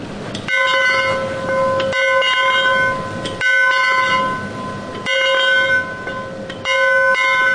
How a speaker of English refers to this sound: So that was our daily 5 o'clock celebration bell ringing, where we ring in the end of the day and the conclusion of work.